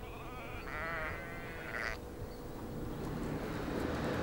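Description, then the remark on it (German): Several sheep in a flock bleat in wavering, overlapping calls over a steady rumbling background, the cries clustered early and then fading into the continuous low noise. “Hütehunde müssen wachsam sein und dafür sorgen, dass eine Schafherde zusammenbleibt.”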